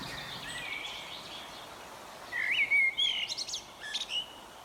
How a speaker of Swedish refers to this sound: Vi får lyssna till olika fågelinslag